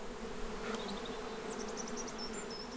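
A steady buzzing of bees hums continuously through an apple orchard, with faint birdsong chirping high above in the background and no one speaking.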